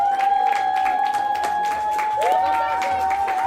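Steady applause from an audience after a school play performed by fifth- and sixth-grade pupils at IGS Kreienbrück, a dense wash of many hands clapping at once, with a sustained high tone running through it and some crowd murmur underneath.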